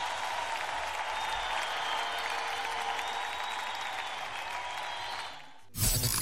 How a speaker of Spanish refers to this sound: Denle un fuerte aplauso también a esta magistral orquesta.